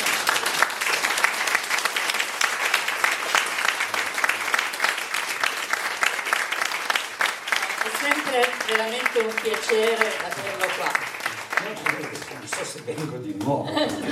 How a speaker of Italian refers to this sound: Intanto un applauso.